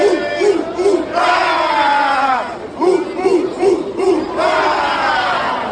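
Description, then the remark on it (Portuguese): A large crowd of football fans chants and cheers loudly and continuously, rhythmic rising shouts swelling in waves over a dense roar of many voices. “Torcida não vai faltar.”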